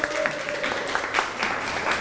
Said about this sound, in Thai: นักเรียนปรบมือให้ตัวแทนด้วยครับ